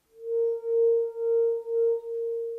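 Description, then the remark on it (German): A wine glass rim rubbed with a finger sings one steady, pure mid-pitched tone, swelling and dipping in about five smooth pulses. No voices accompany it. “Wie ein Weinglas, über dessen Rand man mit dem Finger fährt.”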